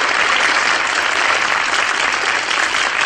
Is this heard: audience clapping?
yes